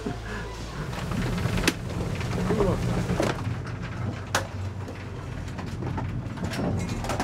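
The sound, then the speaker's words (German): A sturdy 27 kW waste screw conveyor at Camping City, with waste thrown in from the top, runs with a steady, heavy low-pitched rumble and broad grinding noise, broken by a few sharp clanks and knocks, with no talking. “Das ist eine richtig stabile Förderschnecke mit 27 kW.”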